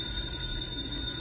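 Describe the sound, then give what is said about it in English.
A telephone rings at 4 o'clock in the morning with a steady, high-pitched electronic trill that fills the whole short moment, loud, with no voices. “That's a phone. Who'd be calling me in the middle of the night?”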